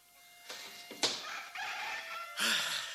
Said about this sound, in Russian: О, слышишь? Третьи петухи.